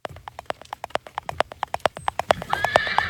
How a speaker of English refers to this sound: It's a horse. Horse hooves. It's a horse kick clapping.